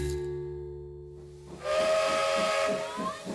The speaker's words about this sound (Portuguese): Vem o caminho de ferro e a máquina a vapor, depois o carro elétrico, o carril e o elevador.